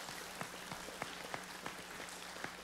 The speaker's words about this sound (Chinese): 阿们的拍手，把荣耀归给主，好不好？